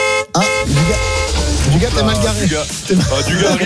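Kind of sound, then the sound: vehicle, car horn honking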